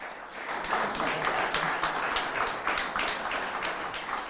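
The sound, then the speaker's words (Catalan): A crowd applauds the mayor of Sitges, Aurora Carbonell, at an institutional event, steadily for several seconds, a dense wash of many hands clapping at once with no one speaking, holding an even loudness throughout. “Benvinguda, un aplaudiment per l'alcaldessa.”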